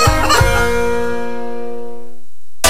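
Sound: hen clucking sound effect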